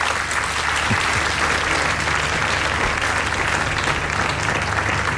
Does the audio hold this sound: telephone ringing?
no